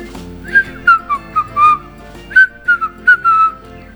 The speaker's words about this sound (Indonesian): Ia terbang pulang sambil bersiul lingan.